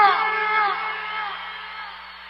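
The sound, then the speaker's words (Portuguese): One long, loud whooping shout from a single voice, starting strong and holding for a couple of seconds before slowly trailing off, with no talking around it. “Cadê o grito?”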